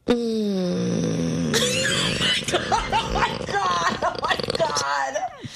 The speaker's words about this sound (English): Please stop playing that. Snoring. You're snoring.